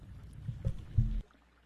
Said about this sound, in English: Excuse me. Sorry, didn't mean to cough there.